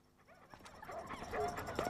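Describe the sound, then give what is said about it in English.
A dog whimpers and lets out a few high, thin yips and whines, growing a little louder toward the end, with faint rustling in the background and no talking. “Taking the dog for a walk?”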